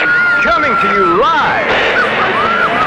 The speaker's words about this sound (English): I was 13, with my parents at a diner. There was a radio on. All you could hear was screaming.